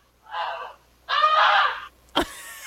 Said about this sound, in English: How about this? That's actually the actual goose itself.